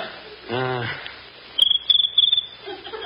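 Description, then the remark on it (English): A cricket chirps, making its noise by rubbing its legs together, in three quick bursts of high, trilling pulses, clear, after a brief harmonic voice-like tone at the start. “That's just a little cricket.”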